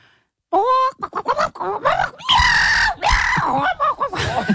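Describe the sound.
A person vocally imitates a chicken squawking and clucking while fighting a hissing, yowling cat, a loud, frantic run of shrieks, grunts and screeches.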